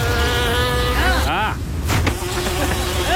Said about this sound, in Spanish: No entró una mosca al estudio, ese es el audio del trailer.